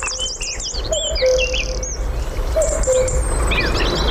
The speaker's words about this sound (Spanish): Y enseguida van a empezar a incorporarse uno a uno las aves del día. El cuco, un petirrojo. Es de noche, pero ya suena el día. Es casi invierno, pero ya suena la primavera.